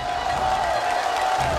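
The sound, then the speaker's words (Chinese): A studio audience of 100 on a stage show claps and cheers in a steady, dense wash of applause welcoming famous Peking opera performer Wang Peiyu. The applause stays loud throughout the short stretch, with a sustained musical tone running underneath. “首先让我们掌声欢迎著名京剧演员王佩瑜老师，”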